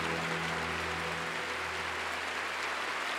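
A crowd claps steadily and densely for a few seconds, a sustained wash of applause with no one speaking, accompanied by a faint low hum underneath.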